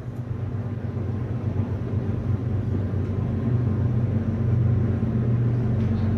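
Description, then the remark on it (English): A steady, heavy low rumble of a train rolling by beyond the left field wall of NBT Bank Stadium during a baseball game, holding constant and swelling slightly toward the end, with no voices over it. “Hear the train rolling beyond the left field wall here at NBT Bank Stadium.”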